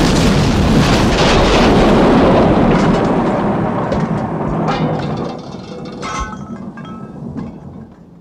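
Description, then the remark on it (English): A loud, deep explosion roars out at once and rumbles on for several seconds, then fades into scattered crackles and clattering debris as the blast dies away. “You're only supposed to blow the bloody doors off.”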